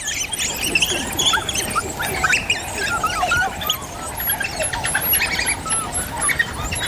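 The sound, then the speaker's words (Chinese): A chorus of high, overlapping squeals and chirps from young wild dog pups feeding under the protection of adult wild dogs, constant and busy throughout, with no talking. “当食物随便吃的时候，很快就出现一场尖叫声此起彼伏的交响乐。”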